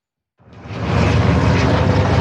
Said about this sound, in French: Alors que des hélicoptères bombardiers d'eau traversent toujours le ciel, les habitants de Montfort-sur-Argence reprennent possession de leur domicile après leur évacuation.